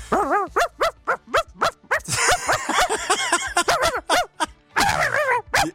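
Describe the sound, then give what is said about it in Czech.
A person imitates a small chihuahua's barking: a rapid run of shrill, high-pitched yaps and yips in quick, uneven bursts, loud, with no talking. “Umím štěkat, no.”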